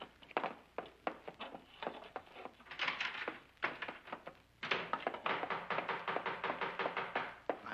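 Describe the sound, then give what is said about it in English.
Insistent knocking on a door, a long run of sharp raps that come in uneven bursts and then speed into a rapid, steady pounding near the end, with no voices. “Now, what are you trying to do? Break the door down?”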